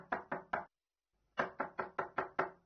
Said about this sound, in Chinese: 那这一天下午呢，门外又传来了敲门声。